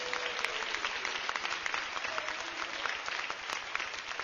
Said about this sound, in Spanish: Démosle un aplauso al Señor, Dios de los cielos.